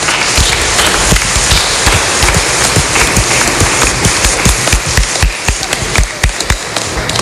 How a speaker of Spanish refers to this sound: Así que también vamos a darle un fuerte aplauso a nuestros hermanos peregrinos.